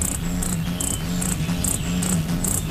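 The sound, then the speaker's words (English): A ruby-throated hummingbird's wings, beating so fast they are audible, hum in a low, steady buzz while sharp, high chips repeat at a quick, even pace, about two or three per second, clear with no voices. “A ruby-throated hummingbird's playful tune.”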